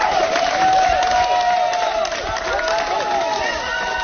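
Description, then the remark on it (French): Sustained outdoor applause and cheering from about twenty feminist activists of the collective 8 mars toute l'année, outside the courthouse in Digne-les-Bains, greeting a woman leaving court after a verdict: a dense steady roar of clapping with many voices calling out over it, loud throughout. “Des applaudissements nourris devant le palais de justice de Digne-les-Bains.”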